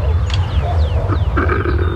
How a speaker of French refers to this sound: Je m'approche doucement d'un couple de lions et de lionnes. Oula, ils crient. Ils vont s'accoupler. Écoutez-les. Le lion est bien le roi de la jungle, comme tu peux l'entendre.